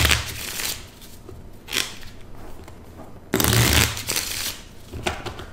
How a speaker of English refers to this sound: I guess I should take advantage of this opportunity to say hello to my parents and to thank my dad for teaching me how to shuffle a deck of cards.